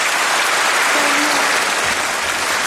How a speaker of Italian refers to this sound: Ecco, noi adesso, come sentite, questo applauso, questo atteso annuncio da parte della Presidente della Commissione Europea Ursula von der Leyen davanti all'Europarlamento durante questo lungo discorso sullo Stato dell'Unione Europea, questo annuncio